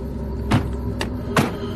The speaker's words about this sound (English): All you can really hear on the drive over there is the crunch of the gravel under the tires.